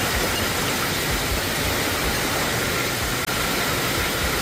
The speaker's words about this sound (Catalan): Així sonaven algunes de les tempestes que han descarregat fort aquest cap de setmana, molt especialment dissabte, però ahir també, ahir a la tarda, a les comarques de Girona i també al Pirineu.